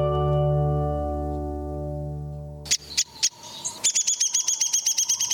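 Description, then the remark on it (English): Calls of a downy woodpecker, North America's smallest woodpecker, ring out after a sustained low tone cuts off: a few sharp, separate pik notes, then a fast, loud whinnying run of high chirps descending in quick succession. “But for most downy woodpeckers, life goes on at the same measured pace.”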